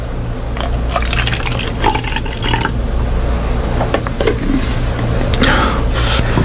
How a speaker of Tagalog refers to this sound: Maglalagay lang ako ng tubig sa baso, ha? Sandali lang.